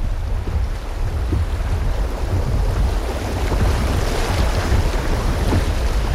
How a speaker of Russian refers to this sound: Преодолеваем участок самого высокого спада воды по всему течению Дунайца. Высотное различие между верхней и нижней пристанью составляет около 29 метров.